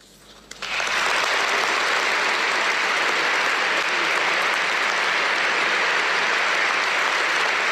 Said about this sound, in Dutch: Een groot applaus dus voor Paus Leo XIV in dit moment, dit pastorale bezoek aan de kathedraal van Napels.